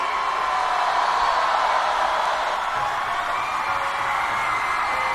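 An audience applauds and cheers steadily for about five seconds, a dense, even wash of clapping with occasional whoops and no one speaking over it.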